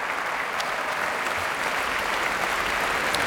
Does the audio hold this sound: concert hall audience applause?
yes